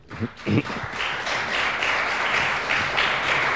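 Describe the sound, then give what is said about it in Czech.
Applause from an audience in a club, seated far apart, during a radio broadcast: a dense, steady patter of many hands clapping, fairly soft and even throughout, after a couple of brief louder bursts at the start. “Pokud se vám zdá ten potlesk, že je nepatrný, není to proto, že by dlaně byly málo intenzivní, ale že v tomto klubu jsme od sebe příliš vzdáleni,”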